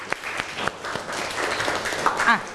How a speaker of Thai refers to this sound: ปรบมือให้กับตัวแทนเพื่อนด้วยครับ